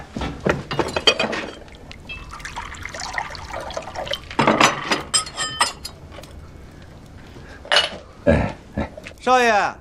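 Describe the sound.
Water is poured into a glass, its pitch climbing as the glass fills, amid light clinks and thunks of dishes and some indistinct voices in the background.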